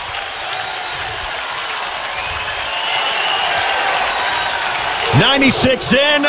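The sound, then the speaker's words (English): A capacity crowd at a college baseball game cheers and applauds a solo home run for the Huskers in a dense, steady roar that swells partway through, with a couple of loud swooping whoops rising above it near the end. “And that will pump some life into this capacity crowd.”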